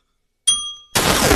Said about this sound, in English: Let's go. Ring the bell.